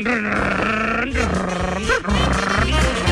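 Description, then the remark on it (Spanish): A voice imitates a revving motorcycle engine with a loud, buzzy, growling drone that rises and falls in pitch, sputtering in a few bursts over about three seconds. “Dijo, él imaginaba que tenía una moto y entonces arrancó...”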